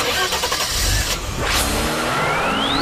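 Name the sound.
car driving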